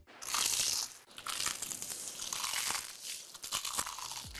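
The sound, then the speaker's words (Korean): Loud crunching of crispy crumb-coated fried chicken (Kkukkukku chicken) being bitten and chewed, several crackly bites in a row with short pauses between them, and no voices. “크럼프를 입혀 크런치하고 크리스피하다. 크크크 치킨. 바삭함의 끝판왕.”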